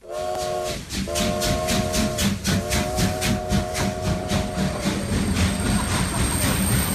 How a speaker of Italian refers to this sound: È il 1906 e i fumi del treno a vapore invadono la banchina dei passeggeri. Il brusio di voci e ferraglie è assordante.